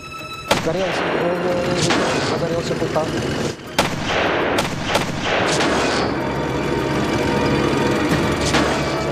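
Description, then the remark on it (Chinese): Heavy battle sounds of anti-tank rifle fire hitting German tanks one after another, setting them on fire: repeated sharp gunshots and booming blasts crack through a dense, continuous rumble, with several loud impacts spaced irregularly, intense throughout. “德军的坦克一辆接着一辆被击中起火，第3辆被打得动弹不得，其余的坦克都停了下来。”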